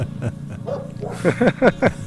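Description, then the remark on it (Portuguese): A few sharp dog barks in quick succession, rising over a steady low engine rumble, with some quieter vocal sounds just before them. “Até os cães.”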